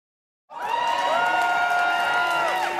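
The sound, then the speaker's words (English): A crowd of Quebec separatists cheers loudly at an election-night party in a packed Montreal nightclub, watching results on October 5th, 2026; after a moment of silence, a dense sustained roar of many voices with high shouts and whoops layered over it, staying strong throughout. “Celebrations at a party for Quebec separatists. They're watching election results come in on October 5th, 2026.”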